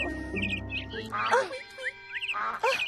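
bird, ducks quacking

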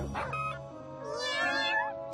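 animal, cats meowing

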